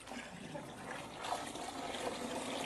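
Water pours steadily into a mixture, a continuous splashing trickle that grows slightly fuller partway through, with no voices.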